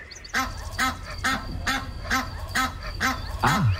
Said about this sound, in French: C'est un canard, non? C'est un animal. C'est une oie.